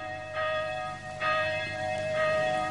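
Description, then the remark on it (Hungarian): A church bell calling to dawn mass tolls three times at a steady, unhurried pace, each stroke ringing out with rich sustained overtones that overlap and slowly fade, with no voices. “Hajnali misére hív a harang már.”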